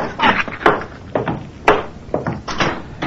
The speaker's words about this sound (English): would you close the door on your way up? Hmm? Oh, sure thing.